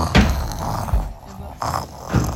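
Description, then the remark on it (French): A voice imitates loud snoring as the big bad wolf sleeping after eating, in a telling of Little Red Riding Hood: a few rough, rasping snorts with short breathy pauses between them, fairly loud, with no other sounds around. “Rassasié, le loup s'endormit et se mit à ronfler très fort.”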